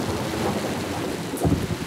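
Steady rain hisses over a deep, rumbling roll of thunder that swells near the end, a loud storm with no voices.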